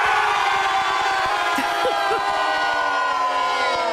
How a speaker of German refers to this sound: Die stehen nicht einfach nur hier und schreien und jubeln, sondern die sind alle verkleidet als Superheldinnen und Superhelden.